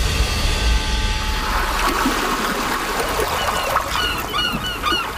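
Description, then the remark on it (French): Fishing port ambience with water lapping and trickling, seabirds calling and honking at intervals, and a steady background wash of open air; no voices. “C'est donc l'estomac plein et l'esprit affûté que les deux enquêteurs débarquèrent enfin au port de pêche, déterminés à coincer leur suspect à bord de son bateau.”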